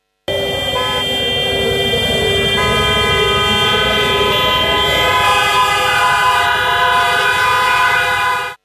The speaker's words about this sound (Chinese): 上午9时18分，防空警报划破我市城市上空，川流不息的街头似乎被按下了暂停键